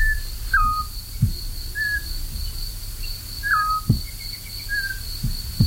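A male and a female bird answer each other from the same tree, a large horse chestnut, on the road to Beaumont, trading short whistled calls, clear mid-pitched notes with slight downward bends, at irregular intervals over a steady high insect-like hum and low rumbling background.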